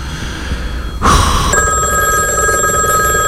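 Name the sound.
telephone bell ringing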